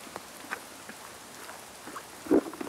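rain falling

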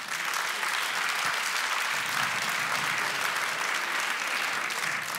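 audience applause

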